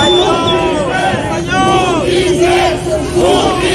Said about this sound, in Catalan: Recordareu els crits d'alguns assistents després del judici al procés a líders d'Esquerra.